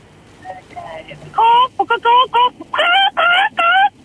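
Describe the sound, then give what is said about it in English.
A caller to a radio station does a loud, squawking chicken impression to win a competition: a burst of clipped, strained clucks in quick succession, then a few longer harsh squawks, with no other talking. “Well, give me your best chicken impression whenever you're ready.”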